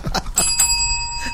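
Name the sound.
bell ringing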